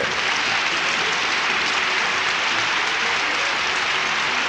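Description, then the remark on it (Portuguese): A crowd claps steadily for several seconds for a priest's birthday, a dense, even wash of many hands applauding at full volume with no voices standing out. “Mais palmas, oi, oi, oi, oi.”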